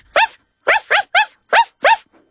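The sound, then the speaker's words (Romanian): A voice imitates a puppy barking in an animal-sounds question game, giving five quick, high yappy barks in an uneven rhythm, each short and bright with a rising-falling pitch, loud and alone with no talk. “Cum face cățuzelul?”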